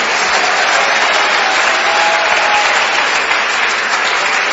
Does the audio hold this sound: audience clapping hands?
yes